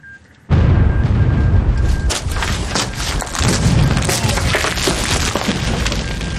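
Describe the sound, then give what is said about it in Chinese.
After a moment of near silence, a loud explosion at an artillery position, where scouts destroyed eight 105 mm howitzers, bursts in and rolls into a sustained roaring rumble with crackling debris, swelling again briefly before continuing to the end. “刚才的爆炸是怎么回事？”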